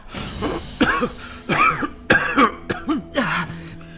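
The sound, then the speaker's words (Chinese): A person coughs violently in a rapid series of about seven harsh, raspy bursts, fairly loud, each cough strained and throaty with brief gasps between. “墨虫随即夺窗而出，幼春剧烈咳嗽。”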